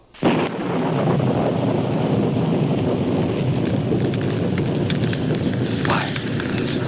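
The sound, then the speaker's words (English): A loud, continuous roaring rush of fire bursts in suddenly and holds steady, a dense crackling wall of sound with brief sharper flares near the end, as the fire consumes a sacrifice on an altar along with the water and stones. “Fire from heaven. The fire. It's consuming everything.”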